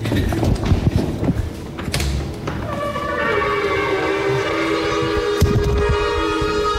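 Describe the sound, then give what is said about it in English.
After a few seconds of muffled rumbling and clatter, about ten people at All Souls Unitarian Church blow ram's horn shofars together to measure how loud they are, long, steady, brassy blasts that overlap and hold loudly to the end. “everybody with their ram's horns”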